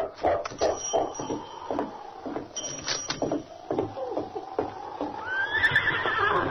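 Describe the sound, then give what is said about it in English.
A horse ridden by Sergeant Preston to the cafe gives a loud, quavering whinny that climbs in pitch near the end, over a steady, rhythmic clip-clop of hooves running through the whole stretch. “Sergeant Preston rode the short distance to the cafe and reined up.”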